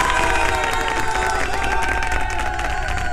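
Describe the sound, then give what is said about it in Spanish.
An audience applauds and cheers for itself, celebrating life: a steady, dense wash of clapping with shouts and whistles rising above it, loud and sustained throughout without a break. “Y para eso, un aplauso para ustedes.”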